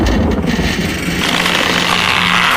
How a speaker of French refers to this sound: Des grincements, des claquements, des grondements. Le temps d'un instant, comme le bruit du tonnerre, puis tout se calma.